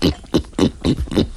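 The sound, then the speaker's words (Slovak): A man mimics a pig with five quick, evenly spaced grunting snorts, close up and fairly loud, with no other talking. “Svinu.”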